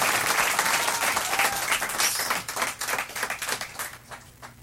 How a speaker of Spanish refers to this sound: En esta canción nos va a acompañar un gran amigo y un gran músico, Miguel Insunza. Quiero que por favor le den un aplauso muy fuerte.